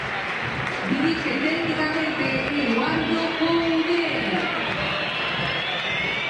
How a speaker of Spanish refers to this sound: Y silbidos, ¿eh? Silbatina, ¿eh? Fue el más silbado. Sí. El Chacho Coudet.